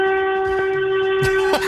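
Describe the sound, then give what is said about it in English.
A car horn blares in one long, unbroken honk, a steady buzzy tone with rich overtones, lasting the whole moment, with a couple of brief noisy bursts near the end. “That's a horn.”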